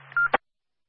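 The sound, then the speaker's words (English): A single short telephone keypad tone beeps over a faint low hum, cut off by a sharp click, then silence. No one speaks. “Alright, I can't just call the red phone and say stroke, I need a little more than that.”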